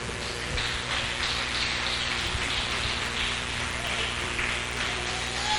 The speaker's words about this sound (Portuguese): Vamos receber o pastor Novilho com as palmas que glorificam o Senhor.